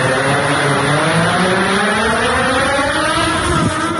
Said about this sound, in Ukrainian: Оператор злітає і маневрує дроном. Маневри та політ на низьких висотах займає до півгодини. На даний момент прилетіли близько 15 кілометрів. Дрон веде себе абсолютно стабільно, без всяких нюансів, недоліків.